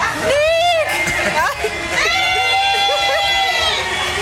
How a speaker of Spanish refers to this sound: Ahí está la gente gritándole a Nick, mi team. ¡Más fuerte, más fuerte!